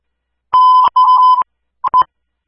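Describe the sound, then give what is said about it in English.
Loud electronic fire dispatch alert tones for a fire alarm call: two sustained beeps in quick succession, a brief pause, then a couple of short clipped bleeps, with no voices. “Station Student 1, stand by for dispatch fire alarm.”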